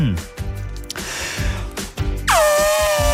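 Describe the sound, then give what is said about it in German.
A person imitates an elephant's trumpet, copying a particular elephant from a TV show, giving one loud, brassy, sustained blare near the end, preceded by short breathy snorts and vocal noises. “du hast gesagt, du kannst einen Elefanten nachmachen.”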